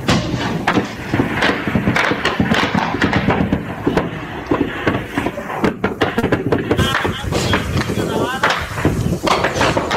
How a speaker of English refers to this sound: Here comes the gunfire. You're watching a fighter climb up the mountain. He's literally going to go over the top here to take the south base.